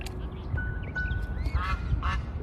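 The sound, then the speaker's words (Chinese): In the early morning, a male black swan of the third brood, foraging on grass with two grown young, gives two or three short, nasal honking calls toward the end, preceded by a thin faint whistle, all over a steady low outdoor rumble. No one speaks. “清晨，第三窝的黑天鹅雄鸟带着两只长大的幼鸟来到草地上觅食。”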